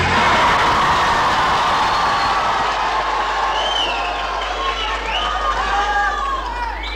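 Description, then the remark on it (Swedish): A crowd of about 200 young people from Tranås and Jönköping cheers and shouts together at Folkets Park in Jönköping in a dense, continuous roar, with higher excited voices rising and falling above the steady mass of noise throughout. “De spontana glada röster vi hörde här alldeles nyss, de kom från”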